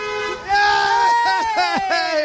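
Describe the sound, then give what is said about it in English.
Car horns honk in stand-still traffic after drivers listening to the Hits are asked to honk: one long, steady honk, with a second horn tone joining over it amid traffic noise and faint excited voices in the background. “Hey! We got more honking.”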